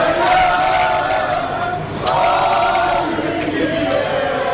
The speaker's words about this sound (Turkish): Taraftarlar milli takımı Amerika Birleşik Devletleri'nde yalnız bırakmadı. Otel girişinde Türk bayraklarıyla tezahüratlar yapıldı.